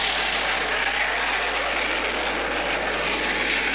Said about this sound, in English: Let's see, we christened and formally opened the new Hopkins County Airport, and that was quite an occasion. And did you hear the jets when they came over? If not, well, we heard them and got them on tape.